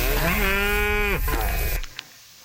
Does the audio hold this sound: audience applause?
no